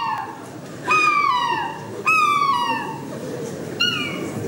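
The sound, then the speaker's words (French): A person imitates a happy gull, letting out three loud, high squealing cries that slide downward in pitch, with short pauses between them. “C'est goéland heureux, ça.”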